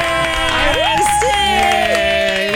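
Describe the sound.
A crowd cheers and applauds in a steady, loud wash of noise, with a few voices whooping in rising, sliding tones above the clapping.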